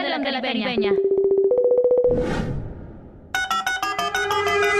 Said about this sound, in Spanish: Suena el teléfono